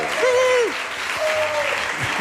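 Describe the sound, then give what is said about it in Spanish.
Steady applause from an audience welcoming guest Andrés Averasturi fills the whole stretch, dense, with a couple of drawn-out vocal whoops or cheers rising over the clapping. “Que ya viene aplaudido, Averas, ya viene aplaudido.”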